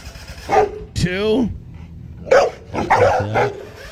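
A dog barks several times in irregular bursts, with a drawn-out whining yelp early on and a quick run of yips near the end.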